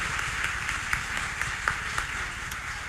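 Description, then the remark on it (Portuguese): A crowd at a novena celebration applauds a visiting priest steadily, a dense wash of many hands clapping with a few sharper claps standing out, holding an even, moderate level throughout. “Vamos dar a ele uma salva de palmas.”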